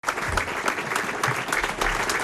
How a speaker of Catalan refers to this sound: Estava escoltant els aplaudiments amb els quals va acabar ahir el minut de silenci que l'Ajuntament de Palma va celebrar per l'aniversari de l'assassinat de Miguel Ángel Blanco, el regidor d'Ermua del Partit Popular a mans d'ETA.